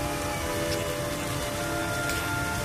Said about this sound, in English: In a few minutes, they were at the bottom. And the roaring of water filled their ears.